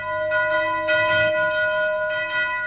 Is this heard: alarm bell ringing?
yes